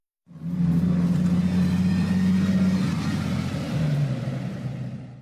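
A vehicle engine rumbles low and steady, holding a droning pitch before dipping slightly as it slows to pull up at a roadside breakfast eatery, then idles on briefly. No voices are heard.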